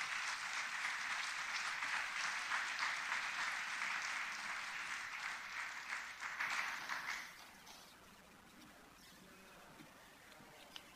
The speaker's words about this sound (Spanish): Ahora le doy paso al cónsul de la República de Cuba, que viene también a dar sus palabras. Aplauso.